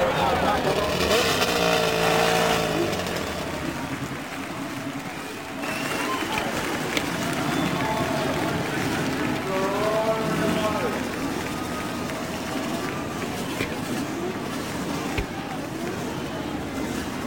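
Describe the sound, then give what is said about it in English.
A field of race car engines at the Indianapolis Motor Speedway fires up on the start command and roars together on the main straightaway, over 25,000 horsepower from 11 rows of three cars; a loud, dense, continuous din with revving whines rising and falling over the full length. “And the roar of over 25,000 horsepower builds from the main straightaway.”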